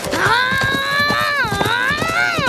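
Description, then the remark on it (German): Hooves clip-clop in a quick, steady rhythm as a Comanche chief and his son ride off on their horses, leaving town, mixed with a loud, wavering tonal sound that rides over the hoofbeats throughout. “Beleidigt verlassen Vater und Sohn das Büro und steigen draußen auf ihre Pferde.”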